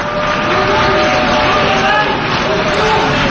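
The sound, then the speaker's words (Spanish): Delegations at the UN General Assembly erupt in a dense, steady wash of noise as Benjamin Netanyahu takes the rostrum, with protesting voices and shouts mixed into sustained clapping, loud and unbroken from start to finish. “Se mezclaban las protestas y los aplausos de otras delegaciones que han decidido permanecer y apoyar al primer ministro israelí.”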